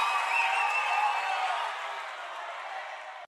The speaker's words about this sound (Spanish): Un fuerte aplauso